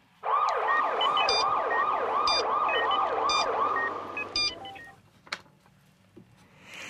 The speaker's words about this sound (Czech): Jdeme tam. Nemocnice. Než tam trefíme, ta sanitka krouží.